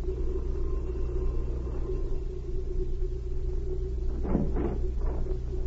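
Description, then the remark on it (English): A car's engine rumbles steadily, low and constant, then a few brief scuffing bursts near the end as a woman stops her car at a lieutenant's home. No one speaks. “As she stopped her car, a messenger boy left the house.”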